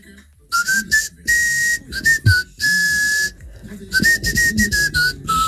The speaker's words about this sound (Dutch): je hebt een iets andere fluit dan de andere, want... Het is weer eens wat anders, toch? Om een compliment te krijgen voor een fluit.